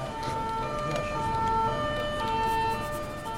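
A police patrol car siren wails steadily with a two-tone pattern over rumbling traffic noise, loud throughout.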